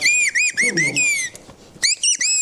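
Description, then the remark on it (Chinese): A person mimics birdsong with loud, high-pitched whistled chirps, delivered in quick repeated bursts with a brief pause midway and a low vocal murmur underneath. “刚才是学的鸟”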